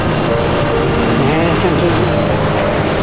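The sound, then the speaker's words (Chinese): Loud, steady roar of airplane engine noise at an airport fills the whole stretch without letup, with indistinct voices faintly murmuring beneath the constant drone. “上飞机了啊，要到机场了，到机场了，到机场了。”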